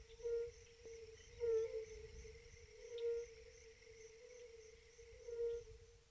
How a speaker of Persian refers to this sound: بقه‌های گل و زرد در فصل بهار با صدای خاص خود توجه بقه‌های ماده را به خود جلب می‌کنند. این صداهای خاص را بقه‌های ماده درک کرده و به اینجا می‌آیند.